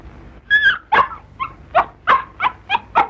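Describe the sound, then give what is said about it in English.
A very ill Sealyham terrier puppy whimpers, a quick series of about eight high, pitched yelps and whines in an uneven rhythm, with no talking. “To my surprise, he was carrying a magnificent Sealyham puppy. I could see the dog was very ill, and I took it from him gently.”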